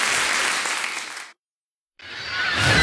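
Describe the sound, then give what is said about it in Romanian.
A crowd bursts into loud, dense applause in a Rock FM radio spot; it cuts off abruptly, falls silent for a moment, then a second wave of clapping swells back in, with no voices over it. “Aplaudat de Rock FM.”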